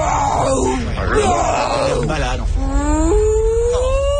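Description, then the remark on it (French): The cartoon character Doris, the amnesiac fish, imitates whale calls with long, warbling moans that slide up and down in pitch, loud, over a low background rumble. “Doris, c'est pas du baleine qui parle plutôt au estomac barbouillé.”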